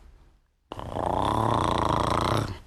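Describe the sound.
A voice makes a steady, raspy buzzing hum in imitation of a bumblebee, holding one low droning pitch for about two seconds after a brief silence before fading out.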